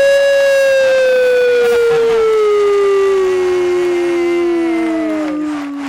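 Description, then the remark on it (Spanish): A person imitates a siren with one long, loud wail that slides slowly downward in pitch over several seconds, with no other talking. “A ver cómo es la sirena.”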